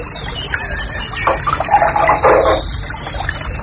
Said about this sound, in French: Un truc très joli, ça aussi. Ça, c'est le rossignol et cascade. Oh, c'est joli.